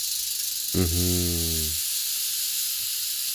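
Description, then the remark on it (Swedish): A rattlesnake's rattle gives one loud buzzing burst lasting about a second, then stops abruptly, leaving a steady background hiss with no voices. “Skallerorm.”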